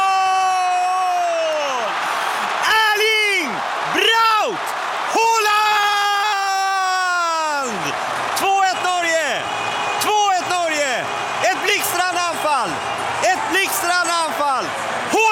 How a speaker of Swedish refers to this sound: Haaland har gjort mål i matchen. Han är fenomenal. Erling Haaland. Och den norska publiken går bananas. De är crazy. De är vilda. De hoppar, de studsar, de viftar. De är vikingahjälmarna. De flyger i luften.